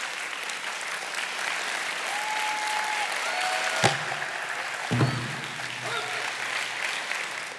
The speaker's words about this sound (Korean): 박수로 환영해 주시죠.